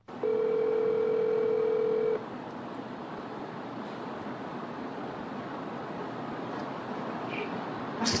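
A steady telephone tone sounds clearly for about two seconds as a call is placed to a former owner's number, then cuts off, leaving a continuous hiss of line noise for the rest of the call connection. No one speaks.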